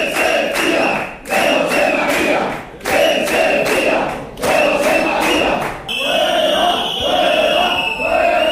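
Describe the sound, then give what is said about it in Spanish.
Protesters shout in unison, a loud rhythmic chant of repeated bursts, each cluster of cries separated by short pauses, with a steadier roar of crowd voices toward the end, interrupting a city council plenary session with shouts against mayor José María Bellido and personnel councillor Cintia Bustos. “Como pueden escuchar, el pleno fue interrumpido en varias ocasiones con gritos en contra del alcalde, José María Bellido, y de la concejala de personal de Recursos Humanos, Cintia Bustos.”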